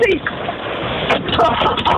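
Heavy rain and hail pound a car during a storm, a dense, steady roar broken by sharp clattering impacts, muffled as if heard over a phone line.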